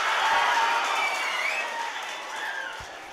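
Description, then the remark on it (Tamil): An audience of engineering college students claps steadily right after hearing a patriotic song, a dense wash of many hands that holds strong throughout and eases off only slightly toward the end, with no voices standing out. “இவையெல்லாம் திரைப்படங்கள் வாயிலாக இந்த சமூகம் எங்களுக்கு கற்றுக் கொடுத்ததால் பாட்டை கேட்ட உடனே கைத்தட்டினால அவ்வளவு நாட்டு பற்றி ஊறி இருக்கு எங்கள் பொறியியல் கல்லூரி மாணவர்களிடையே.”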